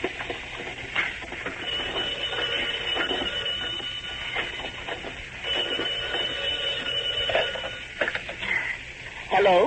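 An old-fashioned telephone bell rings in rapid, rattling bursts that continue almost the whole time, fairly loud, over a faint hiss of background noise.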